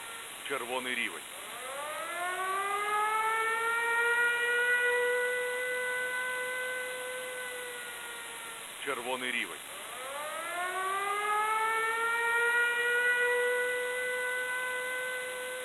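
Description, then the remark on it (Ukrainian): An air raid alert siren in Poltava Oblast, Ukraine, wails, rising quickly to a sustained, steady tone and then starting over in a second cycle. It's loud and continuous with no other sounds. “Громадяни, повітряна тривога, повітряна тривога.”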